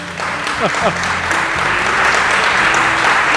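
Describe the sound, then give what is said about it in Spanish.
Steady audience applause for a professor at an event in Tomelloso, a dense wash of many hands clapping at once, loud and sustained throughout, with a few voices calling out briefly near the start. “El profesor se merece un aplauso.”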